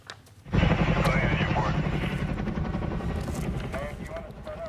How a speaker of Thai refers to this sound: เฮลิคอปเตอร์ดับเพลิงของสหรัฐบินทิ้งน้ำเหนือภูเขาใกล้เมืองรีโนในรัฐเนวาดาเพื่อที่จะพยายามดับไฟที่ลุกไหม้เป็นแนวยาวจนส่งกลุ่มควันพวยพุ่งปกคลุมพื้นที่ทั่วบริเวณค่ะ